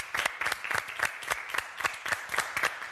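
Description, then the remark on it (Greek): An audience applauds steadily for a few seconds for a singer's conductor and a fellow musician, many hands clapping in a dense, crackling patter with sharper individual claps standing out at a fairly even level. “Ένα χειροκρότημα λοιπόν.”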